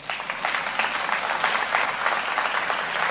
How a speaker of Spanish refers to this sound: Era para un aplauso.